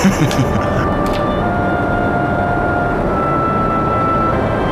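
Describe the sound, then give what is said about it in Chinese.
A steady, loud airplane engine drone fills the cabin of a plane nearing an airdrop point, a constant low rumble with a faint sustained whine on top, unchanging throughout, with a few brief rustles near the start. “哎，亲爱的，我看你坐飞机也没什么事儿啊。”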